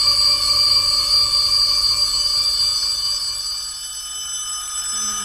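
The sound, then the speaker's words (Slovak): A school bell rings continuously and loudly for several seconds at a school at the end of the last lesson, a sustained metallic jangle that eases slightly toward the end. No one speaks. “Trieda veľmi dobre spolupracovala, a keď zvonilo...”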